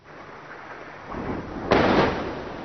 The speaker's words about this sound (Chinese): 在黎巴嫩南部奈迈提耶，随着巨大爆炸声传出，远处升起滚滚浓烟。